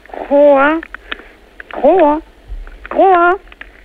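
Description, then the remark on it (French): Three loud, drawn-out croaks from an ornate horned frog (Ceratophrys ornata), evenly spaced and each about half a second. The croaks are buzzy and harmonic with a bending pitch, heard over a telephone with an amplifier switched on, giving the thin, narrow sound of a phone line. “Alors, ça, c'est une Ceratophrys ornata. D'accord. Alors, on va, si vous le voulez bien, arrêter de la faire coasser”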